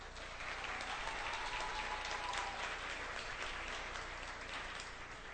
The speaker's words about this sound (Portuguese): Com aplauso dos senhores, o grupo ….